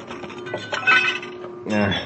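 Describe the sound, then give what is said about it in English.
Sharp glass splinters clink and tinkle as they are knocked loose with a chair, a brief cluster of bright impacts followed by a voice speaking. “Wait till I knock these sharp splinters loose.”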